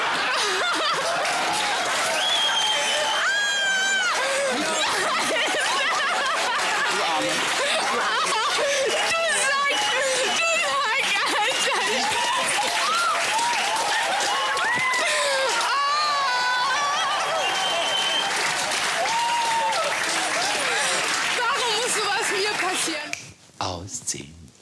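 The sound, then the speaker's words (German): A loud, sustained crowd roar of applause and cheering, with high shrieks and whoops riding over dense clapping for over twenty seconds before it suddenly drops away. “Ich möchte noch mal einen riesengroßen Applaus Milka.”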